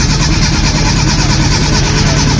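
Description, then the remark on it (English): A loud van engine churns and cranks with a steady rhythmic grinding, straining continuously without starting or settling into a smooth idle. “It sounds like the car's not starting”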